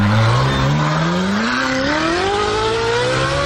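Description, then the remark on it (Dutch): A petrol Ferrari engine revs up loudly and steadily, its throaty roar climbing in pitch over a few seconds with a rich, harmonic growl and no voices. “Model zelf, dit is de originele Ferrari.”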